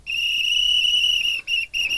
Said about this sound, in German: Für euer Rätsel lauschen wir gleich in ein Schwimmbad rein. Da hört ihr ganz viel und zwischendurch immer mal wieder dieses Pfeifen von einer Trillerpfeife von einer Schwimmmeisterin oder einem Schwimmmeister.